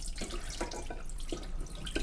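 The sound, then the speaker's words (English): Steady sloshing of water as a hand swirls pre-soaked rice, with soft splashy surges recurring every half second or so over a continuous wet, gritty swishing. No voices. “And I'm going to do one more swirl just because it's very satisfying to do that. I do it with hand.”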